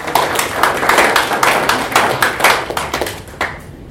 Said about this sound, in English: So we can clap for them.